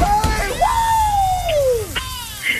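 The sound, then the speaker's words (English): A loud, excited scream from a prize winner who has just won a double pass to The Sheep Detectives holds a high pitch and slides steadily downward for over a second, framed by shorter shrieks and yelps against a busy background. “You don't have to scream as much as me.”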